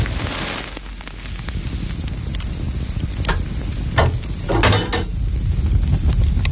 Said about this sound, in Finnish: Sieltä se lämpiää. Lempeä löylyinen saunan kiuas.